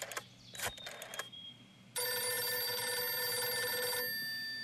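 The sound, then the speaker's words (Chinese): An old-fashioned telephone bell rings loudly as a phone call is placed: a few quick clattering bursts, then one long sustained ring lasting a couple of seconds before stopping. No one speaks. “薛成业说完，马上示意李介仁把电话打给侯静茹。”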